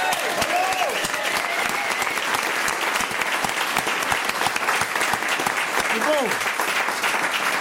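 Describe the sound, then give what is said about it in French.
A crowd applauds loudly and steadily, dense clapping filling the whole stretch without letting up, with a couple of voices whooping or calling out over it. “Je propose qu'on leur fasse un tonnerre d'applaudissements.”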